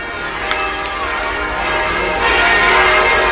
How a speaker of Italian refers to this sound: Le campane, come sentite, suonano a festa proprio in occasione di questa visita pastorale del Santo Padre.